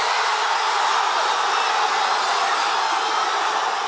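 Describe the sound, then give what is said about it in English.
Argentina fans on the streets of Buenos Aires cheer as they hear the final whistle of their team's World Cup win: a dense, continuous roar, loud and unbroken for the full few seconds, a steady hissy wash of voices with no clear individual shouts and no other speech. “This was the moment the fans in Buenos Aires heard the final whistle. Joy on the streets of the Argentinian capital as they look for a fourth World Cup win.”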